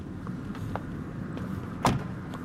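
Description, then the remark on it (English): People get out of a car, and a car door shuts with a single solid thunk near the end, over a low steady outdoor rumble with a few faint knocks and shuffles beforehand. “So we just got out of the car”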